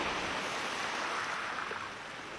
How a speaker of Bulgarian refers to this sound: Вълните се люшкат насам, натам и изглеждат най-твърдите неща.